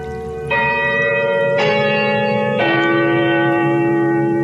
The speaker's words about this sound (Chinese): 上海码头的钟声又一次发出了悦耳的声响。